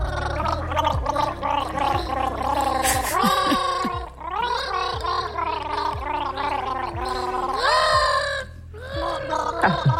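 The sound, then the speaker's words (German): Children gargle a famous bee song together instead of singing it, their bubbling, warbling voices rising and falling through a recognizable melody without words, loud and continuous with brief pauses between phrases. “Sie singen ihn aber nicht. Sie gurgeln ihn.”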